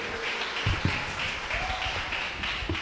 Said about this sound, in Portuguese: Oh, glória! E a igreja bate palmas para Jesus, amém? Palmas para Jesus.